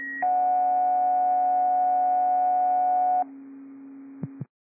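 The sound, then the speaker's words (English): A short high beep is followed by a long, steady, loud electronic tone lasting about three seconds, fire dispatch paging tones sent to backfill station 1, then a lower hum, a couple of clicks and silence. “These are tones to backfill station 1.”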